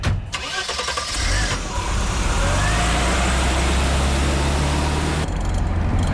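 A car engine starts and settles into a steady, loud low rumble with a droning hum, running continuously for several seconds with no talking.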